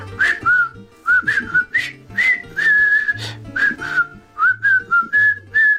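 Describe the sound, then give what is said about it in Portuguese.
A jaunty march melody from the film The Bridge on the River Kwai whistled in short, bright phrases, clear, with a steady low rhythmic accompaniment pulsing underneath throughout. “Tem uma banda sonora em assobios muito melhor do que muitos que andam para ir a cantar hoje em dia.”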